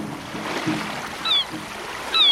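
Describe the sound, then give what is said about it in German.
Steady rushing of ocean waves fills the scene, broken by two short, high seagull cries, one midway and one near the end, with no voices. “Ach, Wellen, Rauschen und Möwen sind für mich einfach der schönste Wecker.”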